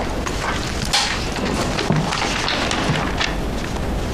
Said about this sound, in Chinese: 椅子坏了。